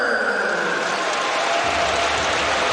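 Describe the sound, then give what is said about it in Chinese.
A large arena crowd at a basketball game applauds steadily for player Tucker after he draws a foul, a dense wash of clapping and cheering that stays loud and even throughout, with no one speaking clearly above it. “看看球结一造球犯规，掌声送给塔克。”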